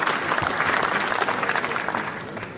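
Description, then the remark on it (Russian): A large audience applauds steadily at the premiere of Andrey Zvyagintsev's film, part of a 10-minute ovation, a dense wash of clapping hands that stays loud and even throughout with no voices rising above it. “Фильм был встречен 10-минутной овацией,”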